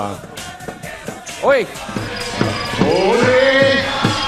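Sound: crowd cheering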